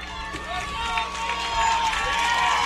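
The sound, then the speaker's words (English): A Paintsville baseball crowd cheers and shouts as the go-ahead run comes to the plate, a steady, loud roar of many voices with individual yells rising above it for a few seconds. “This Paintsville crowd making some noise down below us.”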